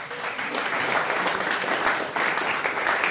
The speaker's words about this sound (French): Et le public, alors, on dort ou quoi? Applaudissements du public pour ma fille.